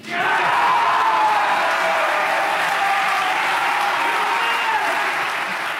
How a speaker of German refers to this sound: Mit lautem Jubel wurde dieses Ergebnis unter den Bayern gefeiert.